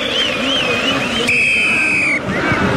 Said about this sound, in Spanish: Pitazo final. Ha terminado. Ha terminado el partido. Lo ha ganado Antofagasta 2-0.